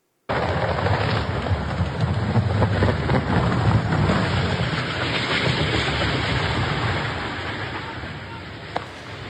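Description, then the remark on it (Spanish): A military helicopter crashing while still not very high: a loud, steady, wind-buffeted roar with a dense rattling rumble runs throughout, easing slightly before a brief sharp knock near the end. “Es justo en este momento en el que se desploma el helicóptero.”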